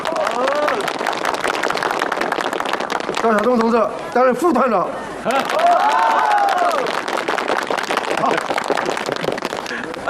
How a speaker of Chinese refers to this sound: 大家鼓掌。